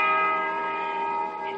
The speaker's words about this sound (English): Listen to that bell. Six. Seven.